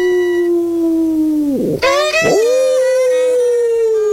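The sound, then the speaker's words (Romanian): A dog howls loudly in one long, sustained, wavering note, broken by two quick downward dips before the howl resumes and steadies. “te rog din suflet, cântă-și tu o melodie pe care să nu o știe și câinele!”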